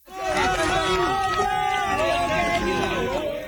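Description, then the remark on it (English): A crowd of onlookers in Venezuela cheers and shouts together as emergency workers carry a 21-year-old man, trapped in rubble for more than 100 hours, out on a gurney; many overlapping voices form a loud, steady roar that holds for a few seconds before easing slightly at the end. “Onlookers cheer as emergency workers carry the 21-year-old man out on a gurney.”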